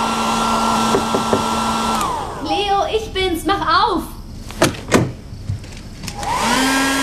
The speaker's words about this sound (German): Ich nutzte das Durcheinander und hüpfte mit dem Schlafsack ins Badezimmer. Dort nahm ich mir den Föhn und trocknete meinen Fischschwanz.